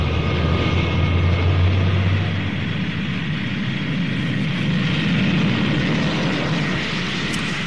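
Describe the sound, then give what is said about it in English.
The Rolls-Royce engines of a Concorde supersonic jet roar loudly and steadily on the ground while the ground crew runs checks, a dense, continuous rumble with a deep low drone that eases slightly partway through before building again. No voices are heard. “At the other end, heat surged from the mighty Rolls-Royce engines as the ground crew checked, rechecked, and checked again. Concorde was buttoned up good and tight.”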